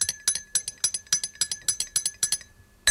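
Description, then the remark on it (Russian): Bright, ringing clinks of glass medicine bottles being tapped to play music, in a quick, steady rhythm, about a dozen strikes with sustained high tones forming a simple tune, no voices. “А на склянках? Смотри, как здорово получается.”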